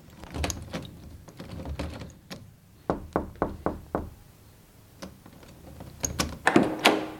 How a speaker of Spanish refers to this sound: No podía entrar. Usted echó llave a la puerta. ¿Cómo entraste entonces? Yo toqué y usted quitó la llave y abrió la puerta.